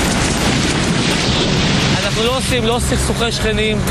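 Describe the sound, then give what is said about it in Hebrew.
A loud demolition blast fills the first half with a dense, rumbling roar of collapse; as the rumble settles, voices begin talking over the fading noise. “הוא דווקא לא איש של הקמות, אלא של הריסות, וליתר דיוק, פיצוצים.”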